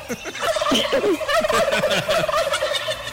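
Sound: turkey gobbling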